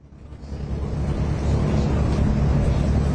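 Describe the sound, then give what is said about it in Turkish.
Strong wind roars steadily across the Bosphorus during the final day of the Bosphorus Cup sailing race, a broad, rumbling gust buffeting the microphone and building slightly before holding loud and constant, with a faint wash of waves beneath and no voices. “görebildiğimiz kadarıyla da gerçekten rüzgar etkili oluyor.”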